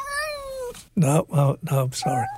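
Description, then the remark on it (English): A cat meows insistently: one drawn-out, wavering cry, then a brief pause and three or four loud, evenly spaced meows, bright and slightly nasal, with no talking over them. “Sorry about that, Tabby. You'll get your day on October 29th.”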